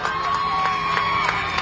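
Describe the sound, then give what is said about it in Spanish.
A large crowd cheers and shouts continuously, a dense roar of many voices with occasional sharper yells rising above it, loud and sustained throughout. “Y festejando a los argentinos.”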